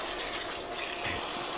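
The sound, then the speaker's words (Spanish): A short, steady stream of water pours into a béchamel sauce in a pot, a continuous hiss and gush lasting under two seconds, with no voices. “Le echo un poquito de agua y ya está.”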